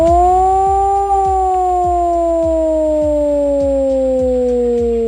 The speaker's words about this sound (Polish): W całym kraju można dziś usłyszeć wycie syren alarmowych. To w ramach ćwiczeń Alarm 26. Do godziny 19:00 uruchamiane będą syreny, których sygnał brzmi właśnie w ten sposób.